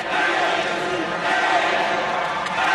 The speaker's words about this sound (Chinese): 泰国本土的观众对于内围特别的有喜好， 是的， 跟随着节奏在喝彩。